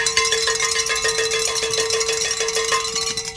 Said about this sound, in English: Wait, we have something to celebrate. Pick up those bells, gentlemen. We've met our goal.